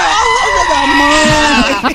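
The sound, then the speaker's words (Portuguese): A person yells at full volume in one long, strained, high-pitched cry that holds steady for nearly two seconds before cracking and breaking off at the end. “Berra, filho. Berra, vai.”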